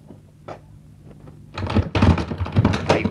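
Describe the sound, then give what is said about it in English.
A door being opened to answer a knock: a couple of faint clicks, then a louder stretch of rattling and clunking latch and handle noises, with no voices. “Mr. Granger, don't open that door.”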